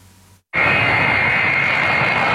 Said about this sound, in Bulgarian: Късно с нощи руският самолет Ил-76 на Министерството на извънредните работи премина през въздушното пространство на България.